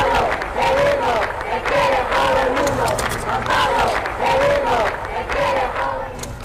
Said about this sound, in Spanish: Estos son algunos de los gritos que había que se escucharon en Madrid en las anteriores visitas de los papas Juan Pablo II y Benedicto XVI.